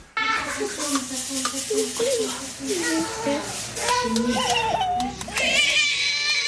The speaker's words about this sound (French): Bah, vous n'avez pas l'image, mais je vous la donne, un bébé tout heureux d'attraper ses pieds, de sucer ses orteils, ce qui démontre une certaine souplesse qu'on n'aura pas forcément quelques années plus tard.